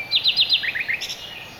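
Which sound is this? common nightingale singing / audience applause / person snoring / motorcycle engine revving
common nightingale singing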